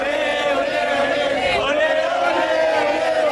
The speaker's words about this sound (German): Nach den Spaniern dürfen jetzt auch die Argentinier jubeln.